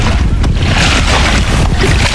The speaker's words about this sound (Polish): I doskonale słychać, że jesteśmy naprawdę nad Wisłą. Tak jest, ta woda jest prawdziwa, nie z proszków.